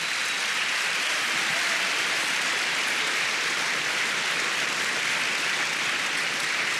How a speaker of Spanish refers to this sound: Dele palmas al Señor.